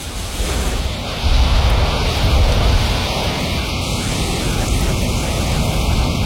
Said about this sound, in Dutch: Het is weliswaar een warme wind, maar het is een harde wind, hè,